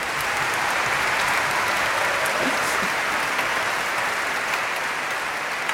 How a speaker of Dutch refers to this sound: Ja, dat mag eigenlijk ook een applaus.